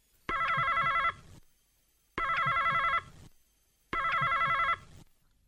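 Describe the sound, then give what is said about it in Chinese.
A telephone rings three times in a steady rhythm at a veterinarian's pet hospital as an old woman calls. Each ring is a bright, warbling electronic trill lasting under a second, separated by brief pauses of silence. Clear, with no one talking. “一位老太太拨通了兽医的电话。”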